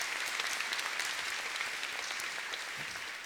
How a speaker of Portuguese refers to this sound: Forte, bonita as nossas palmas.